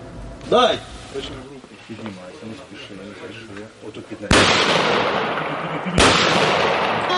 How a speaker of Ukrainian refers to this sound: Змінили автомати на рушниці, але стріляють по цілях так само вправно. Ветерани Хмельниччини зібрались на першому в області турнірі зі стендової стрільби.